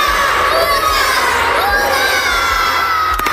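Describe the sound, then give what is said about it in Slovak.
A large group of children shouting "Hurá" (Slovak for hooray) three times together at the end of their sports holidays, in a loud, sustained cheer, their voices overlapping with no pause for the whole stretch. “ale čo, zakričíme aspoň na konci trikrát hurá.”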